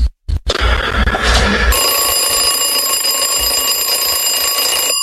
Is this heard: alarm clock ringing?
yes